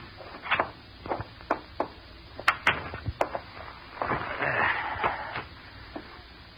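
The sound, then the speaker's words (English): A door is opened: a series of sharp handle and latch clicks, knocks and rattles, then a longer scraping, creaking swing, with faint shuffling underneath. “Get the door, will you?”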